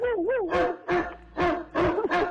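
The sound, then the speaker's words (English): A voice imitates a dog, starting with a wavering whine and then letting out four or five sharp, loud barks in quick succession. “give me the dog sound.”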